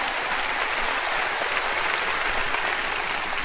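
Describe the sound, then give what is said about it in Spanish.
Sustained applause from an audience giving honor and glory to the Lord, a dense, steady wash of many hands clapping at once with no gaps, fairly loud and even throughout, with no voices standing out. “Quiero escuchar un fuerte aplauso.”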